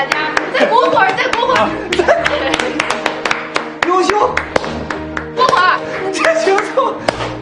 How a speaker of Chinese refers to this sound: 大家纷纷为朱闪闪鼓掌。